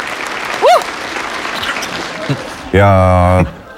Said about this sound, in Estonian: See väärib aplausi.